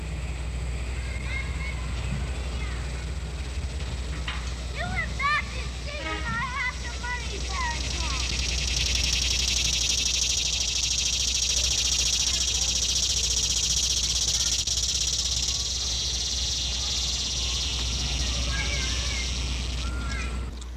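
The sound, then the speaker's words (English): A typical cicada shrills in a loud, steady, high-pitched buzz that swells in after a few seconds and holds unbroken, over a low background rumble with scattered chirps early on. “The shrilling of the cicada is loud and common in late summer. Here is a typical cicada now.”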